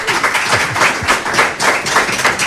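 A crowd at the new Casa de Mujeres in Berango bursts into steady applause for the president of the women's association, a dense wash of many hands clapping at once that stays loud for a couple of seconds with slight swells in intensity.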